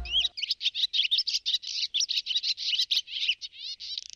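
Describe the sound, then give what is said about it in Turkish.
A rapid, continuous stream of high chirps and warbling calls of migratory birds, fairly loud, with quick repeated notes running for several seconds and no voices. “Dünya Göçmen Kuşlar Günü'ndeyiz.”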